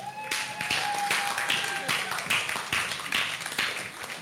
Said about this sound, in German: Großen Applaus bitte.